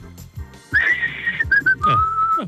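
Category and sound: human body sound, a person whistling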